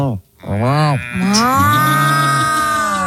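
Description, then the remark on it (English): A person gives a long, loud imitation of a cow's moo, starting with a short lowing call, then a drawn-out sustained moo with rich harmonics, with no other talking. “I want you to be a cow. Okay. Let me hear your cow.”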